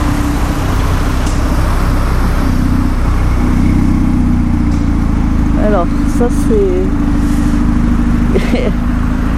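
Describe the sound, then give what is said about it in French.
A car engine with a throaty exhaust rumbles steadily and loudly throughout, its low drone rising in a rev, while a person speaks briefly over it. “Je sais pas ce que c'est comme voiture mais elle a un bon pot d'échappement.”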